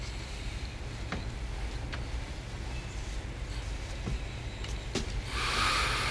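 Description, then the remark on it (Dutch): Trucks passing by outside give a steady low rumble throughout, with a few faint clicks, and a louder, brighter whoosh near the end as one passes. “Ja, om die vrachtwagens te overstemmen, moet ik mijn stem een beetje naar beneden halen, heb ik al begrepen?”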